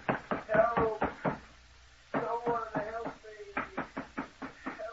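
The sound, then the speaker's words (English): Rapid, heavy pounding on a locked door in three rhythmic bursts separated by short pauses, loud and insistent, with a voice shouting over the blows as someone locked in a room tries to break the door down. “I'll break the door down.”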